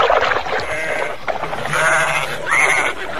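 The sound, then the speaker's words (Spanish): Several sheep bleat in overlapping, wavering calls, with a louder rising bleat near the end over a busy flock murmur; the flock is being watered at drinking troughs. No one speaks. “Tenía 7 hijas, las cuales solían ir a sacar agua para llenar los abrevaderos y dar de beber a las ovejas de su padre.”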